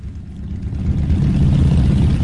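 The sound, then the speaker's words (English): Thousands of fuel smugglers' motorbikes gathered on Pakistan's border with Iran run together in blistering heat, a steady, loud low rumble rising slightly in intensity, with a continuous mechanical drone and no voices. “On the edge of Pakistan's border with Iran, thousands of motorbikes are gathered together, kicking up dust in blistering heat.”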